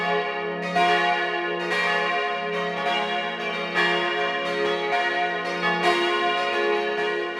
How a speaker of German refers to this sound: Es ist 12 Uhr. Sie hören die Glocken der Kirche zum heiligen Johannes dem Täufer in Klösterle in Vorarlberg.